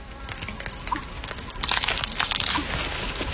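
A large piece of brittle eggshell crunching underfoot, a dense run of crackly snaps and crinkles that builds louder partway through and keeps crackling steadily, with no one speaking.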